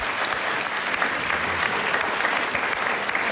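Steady, half-hearted applause from a small group at a radio broadcast in Vlašim fills the whole moment, a continuous patter of hands clapping at moderate volume without cheers or talking.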